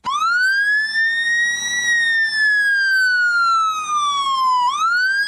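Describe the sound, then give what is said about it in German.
A shrill emergency vehicle siren horn from a vehicle from an Eastern European country, sounding like an American police car siren, wails continuously, its pitch rising, slowly falling, then sweeping back up sharply near the end, loud and alone without any talking. “Klingt wie so eine amerikanische Sirene von so einem Polizeiauto, kommt aber aus einem osteuropäischen Land”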